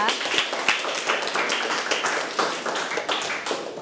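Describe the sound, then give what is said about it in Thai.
A group of people applauds a demonstrator after a demonstration of covering the mouth and nose when coughing or sneezing, a steady wash of overlapping claps with a few sharper individual hits, sustained at a moderate level for a few seconds. “ขอเสียงปรบมือให้กับผู้สาธิตของเราด้วยนะคะ”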